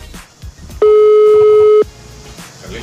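A single steady electronic telephone tone of an unanswered call sounds loudly for about a second, a flat pitched beep with a harmonic, over faint background noise and murmuring.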